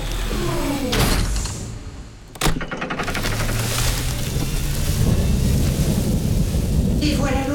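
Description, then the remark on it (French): Steady heavy rain hisses throughout a thunderstorm, broken by a sharp crack of thunder that gives way to a deep rolling rumble beneath the downpour. “Et voilà l'orage.”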